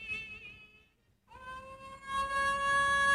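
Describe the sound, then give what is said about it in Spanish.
A Basenji dog howls in a singing, yodel-like voice: a wavering tonal phrase, a brief pause, then a long rising note that swells louder and holds steady. “Este es el efecto. Basenji.”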